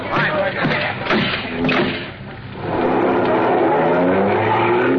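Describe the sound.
A car engine roars up and revs loudly, its pitch climbing as the car pulls away fast in pursuit of a fleeing driver. Brief clattering noises and voices come just before it.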